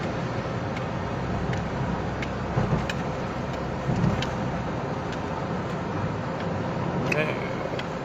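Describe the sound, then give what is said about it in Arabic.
Steady road traffic with cars and a heavy cargo truck on the Homs–Damascus–Aleppo road junction in Homs, Syria, a continuous broad rumble and hiss lasting throughout, with a few brief knocks and a faint voice underneath. “نحن بحمص حاليا على تحويلة حمص الشام حلب، والله العظيم يا رب لطفك، والله سيارة الشحن يعني الله يهديهم.”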